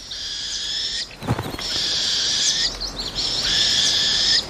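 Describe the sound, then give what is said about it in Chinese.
A northern hawk owl chick's harsh, raspy begging screech as it scrambles for food, repeated in three long drawn-out calls, loud, with a brief rustling thump between the first two calls. “这只猛枭雏鸟现在能吃下较大的食物了。雏鸟抢着要食物，结果食物掉到了地上。”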